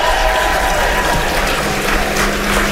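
A crowd claps loudly and continuously, a dense, steady wash of applause with some cheering mixed in. No one speaks over it.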